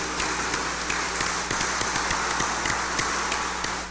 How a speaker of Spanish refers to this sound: démosles un fuerte aplauso de felicitación.